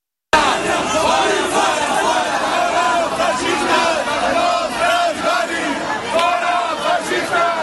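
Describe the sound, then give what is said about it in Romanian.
A loud, dense crowd of Catalan and Spanish nationalist groups shouts and chants continuously during the Pope's visit to Spain. Many voices overlap in heated, rising cries with no pause as the rival groups yell at one another, and police step in. “Poliția a intervenit pentru a opri grupuri de naționaliști catalani și spanioli înainte ca schimbul de replici să degenereze în violențe.”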